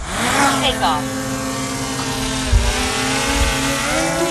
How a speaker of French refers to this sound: Le petit drone est posé au sol, il s'envole vers le ciel.